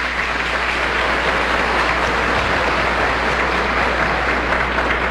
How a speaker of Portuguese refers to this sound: É proposital que fique para o final, porque a novena de Santana, o dia 21 de julho, torna-se ainda mais especial, pois nós estamos celebrando a vida deste gigantesco homem, Monsenhor Ademar. Desde já, uma salva de palmas para ele.